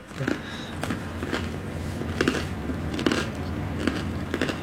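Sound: biting into crunchy bread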